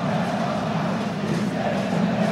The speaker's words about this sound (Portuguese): aí a torcida do Internacional, faceira com resultado parcial aqui na arena, fazendo festa, olha a torcida do Inter.